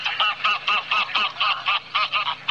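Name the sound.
wild geese honking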